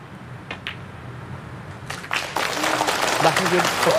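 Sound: audience clapping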